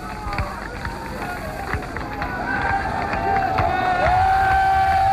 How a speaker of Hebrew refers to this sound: הדלת האחורית של מטוס הרקולס נפתחת, ובפתח ראשון איש צוות צרפתי, והנוסעים הראשונים מנופפים בידיים, הקהל מוחא כפיים. כשהקהל רץ, פורץ לתוך המטוס.